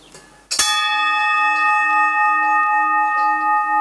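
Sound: bell ringing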